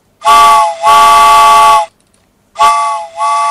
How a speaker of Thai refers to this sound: แหมเสียงหวูดรถไฟนี่ดังเหลือเกินนะคุณผู้ฟังนะบางคนตกใจอุ้ยได้ยินเสียงหวูดรถไฟตกกระจายทุกทีเลยนะคะ